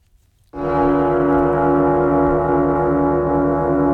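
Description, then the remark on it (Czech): A gong-style Czechoslovak radio news jingle, used from January to August 1969: after a short silence, a loud, rich metallic tone with layered overtones strikes abruptly and keeps ringing steadily to the end, with no voices. “Dokonce od ledna 69 vznikla nová znělka, takový gong, který si teď pustíme.”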